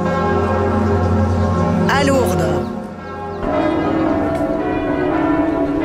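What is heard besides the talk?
church bells ringing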